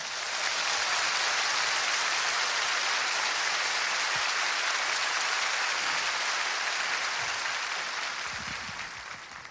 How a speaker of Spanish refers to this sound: If you believe it, give the Lord a praise offering. Si usted lo cree, dé un aplauso al Señor.